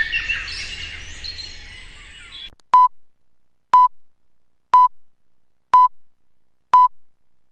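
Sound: radio time signal beeps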